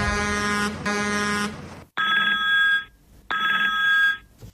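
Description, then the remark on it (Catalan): A telephone rings with a bright electronic trill, first in a long harmonic tone, then two repeated bursts separated by short pauses, loud with no voices. “hem detectat un telèfon sospitós a la seu cada migdia, de dilluns a divendres, i truca un munt de gent que fan respostes molt random i després, a sobre, els hi donen premis.”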